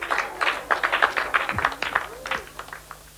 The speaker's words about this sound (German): Und ich finde, alle Acts haben nochmal einen riesigen Applaus verdient. Also nochmal großen Applaus für …, für Zumal Literatur und für ….